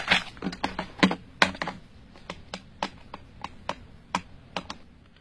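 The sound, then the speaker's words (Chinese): A run of sharp plastic button clicks as keys are pressed on a telephone keypad to dial a home telephone number: about fifteen crisp taps, quick at first, then more evenly spaced, with no voices. “哎，这上面不是有他的住宅电话号码吗？ 嗯，那我来打。”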